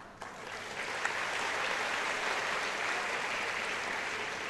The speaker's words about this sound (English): I know you will be clapping only for this.